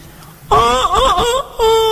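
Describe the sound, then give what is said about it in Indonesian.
A chicken gives one long, loud, wavering call with a strained, nasal tone that bends up and down in pitch, breaks briefly, then holds a steady note at the end. “Ya Allah, saya bisa mendengar suara ayam.”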